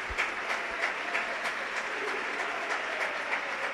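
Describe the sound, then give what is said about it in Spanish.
Sustained applause from a large standing football crowd as Isma Ruiz leaves the pitch to be replaced by Theo Zidane, a dense steady wash of clapping with faint rhythmic surges, loud and continuous with no talking over it. “Ovación, para Isma.”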